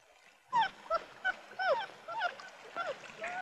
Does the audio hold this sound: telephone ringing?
no